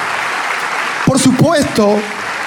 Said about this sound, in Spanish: Ahora, por supuesto, todo, si quiere darle ese aplauso al Rey de Reyes.